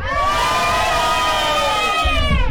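A loud group of children shouting and cheering together at a World Rock Day special, in one sustained, high-pitched roar that fills the whole moment, energetic, with no pauses.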